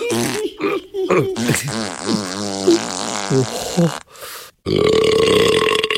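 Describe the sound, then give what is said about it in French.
A voice imitates a wolf letting out a string of loud, croaky burps in quick succession, then a long, raspy, sputtering fart noise, all forceful. “rote, pète, pisse, crotte, tremble la maison.”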